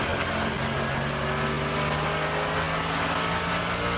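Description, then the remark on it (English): A race car's engine roars steadily from an onboard position as the car comes down to the bridge section of the circuit, its loud buzzing tone holding through the whole stretch with slight shifts in pitch as the driver works through the gears. No voices. “Well, he's still changing gear.”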